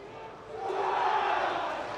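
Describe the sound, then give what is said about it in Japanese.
A broad, steady wash of crowd noise swells after a moment and holds at full strength, a large crowd applauding and cheering at Hanshin Koshien Stadium as the Riseisha (Osaka) and Kyoei (Aichi) baseball teams line up across home plate before the game. “大きな拍手も起こります。”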